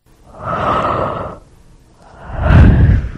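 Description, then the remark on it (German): A drawn-out human yawn: a long breathy, voiced inhale that swells and fades, then a second deeper, louder stretch of breath, with no talking. “Zum Gähnen langweilig natürlich, das ist nämlich auch die Lösung.”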